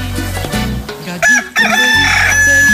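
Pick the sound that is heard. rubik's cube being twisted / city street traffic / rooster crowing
rooster crowing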